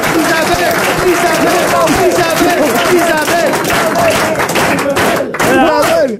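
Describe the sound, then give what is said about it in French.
An audience applauding loudly and steadily after a correct quiz answer, a dense wash of clapping mixed with excited crowd voices and shouts, continuous for the whole stretch. “Arrêtez d'applaudir, c'est vexant.”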